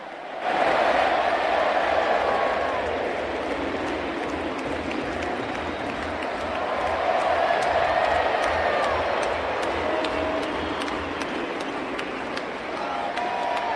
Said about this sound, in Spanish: Aparece el Dibu Martínez y ese reconocimiento es para el Dibu. Y para los otros arqueros también, Amadeo, ¿no? Pero para el Dibu sobre todo. Aplausos, ¿eh? Y el olé, olé, olé, Dibu, el arquero, parte fundamental. Mira, escuchá.